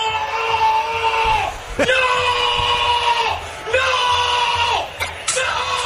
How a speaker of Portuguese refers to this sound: O torcedor do Peñarol gritou quando o Maurício Lemos achou que ele ia fazer um gol